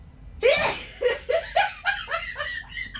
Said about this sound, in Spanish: estornudo